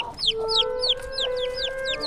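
A small chick peeps over and over, bright high-pitched chirps that slide downward, roughly four each second, steady and fairly loud above a faint constant hum.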